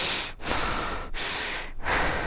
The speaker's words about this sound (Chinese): 搁有暗时呢，吼，就搞走便所，啊，喘气呢，迄个声足大声，有人喘气哦。